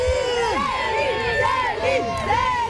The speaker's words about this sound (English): That is fans cheering outside a hotel, welcoming Canadian icon Céline Dion as she steps out in the French capital.